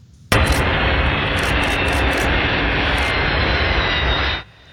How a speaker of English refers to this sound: Airplane watchers were able to get a glimpse of this Antonov 124 cargo aircraft landing at 19 Wing Comox Sunday.